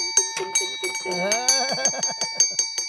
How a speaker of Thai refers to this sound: กระดิ่งลั่นบ้านทนายต้องเคาะระฆังหน่อย